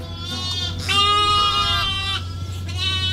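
A ewe and her three tiny lambs bleat in a pen, several wavering calls overlapping, some higher and thinner, over a steady low hum with no talking.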